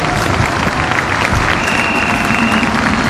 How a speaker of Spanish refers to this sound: Pónganse de pie. Vamos a darle un fuerte aplauso al Espíritu Santo de Dios.